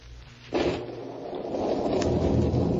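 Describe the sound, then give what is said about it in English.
Heavy rain surges in after a brief quiet start, a dense, steady roar of downpour that holds and slightly builds, loud with no voices. “Soaked to the skin, his shoes leaking, Joe Martin trudged through the rain toward Benedict's pawn shop.”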